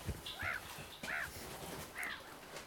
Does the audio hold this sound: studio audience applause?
no